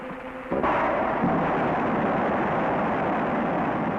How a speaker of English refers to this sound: Here at the Rocketdyne Propulsion Laboratory, in a blast-scarred valley of the Santa Susana Mountains, parts of the engine which will power Americans on their first voyage to the moon are about to be test-fired. Ignition start.